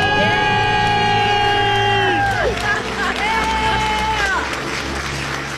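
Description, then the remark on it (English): A small group lets out loud, sustained celebratory screams and cheers, several voices holding high shouts together for a couple of seconds before a second burst of whooping and excited yelling. After a countdown they shout "We're debt-free!" to celebrate paying off their student loans. “Let's hear your big debt-free scream.”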